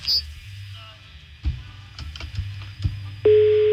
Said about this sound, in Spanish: Está sonando el teléfono de Erika.